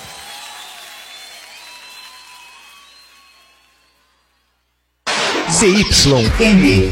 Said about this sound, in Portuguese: Palmas, meninos!